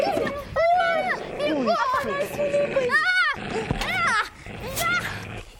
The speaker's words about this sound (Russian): Ой, ну ведь это надо, а? На меня накинулась собака.